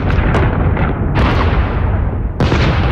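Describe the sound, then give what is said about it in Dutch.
A loud, continuous bombardment of explosions and artillery fire, with deep rumbling booms and sharp blasts erupting repeatedly, including a fresh burst near the start, middle and end. “Zo klinkt een bombardement.”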